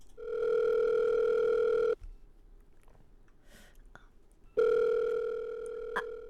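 A telephone rings in a company business division before a buyer's confirmation call about a price, with two long, steady electronic tones, each about two seconds, separated by a quiet pause of similar length. The ringing is clear and fairly loud, with no voices.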